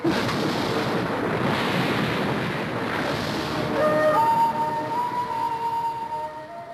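A long, heavy roll of thunder before rain rumbles steadily for several seconds, deep and loud, with thin sustained tones creeping in during the second half as the roar slowly fades.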